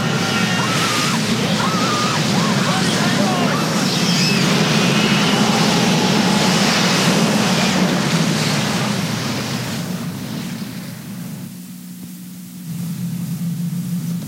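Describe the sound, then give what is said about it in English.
A steady, powerful roar of a tornado moving up a train track churns with a deep rumbling low end and hissing wind noise, holding loud for about ten seconds before briefly thinning out and surging back. “Now it's coming up the track in my direction. Maybe that's what I heard. Not a train, but a tornado.”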